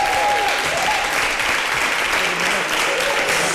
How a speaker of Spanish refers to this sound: Te diré que, bueno, pues eso, todo el mundo ha aplaudido, todo el mundo contento, todo el mundo lo ha comentado.